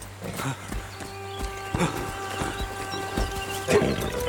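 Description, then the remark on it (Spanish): A mare trots through a forest up to a man, its hooves clip-clopping in a steady, even rhythm, with a sustained tonal hum running underneath throughout. “Su yegua trota hasta él.”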